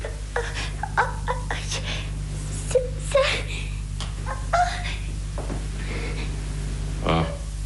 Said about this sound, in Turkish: Bir yerine bir şey olmadı ya, dur bakayım. Biraz dizin sıyrılmış, kanıyor. Anne. Ben seni evi de götüreyim. Annen dizine pansuman yapsın, hadi. Bırak ağlamayı, bırak, hadi.